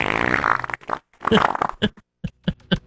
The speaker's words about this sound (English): And it says, quote, watery diarrhea. Right. Isn't that redundant? Well, yes. But apparently there are different levels and this is just pure water.